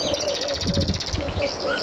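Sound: small birds chirping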